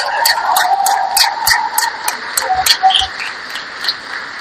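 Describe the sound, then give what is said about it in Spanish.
An audience applauds the Escuela de Educación Técnica at a school event in a steady, dense wash of clapping that holds for the whole stretch, with sharper individual claps cracking through at a loose, uneven rhythm. No one is speaking. “Creo que un aplauso para todos, para toda la Escuela de Educación Técnica.”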